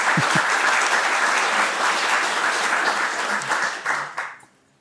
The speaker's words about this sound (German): Ja, gerne Applaus.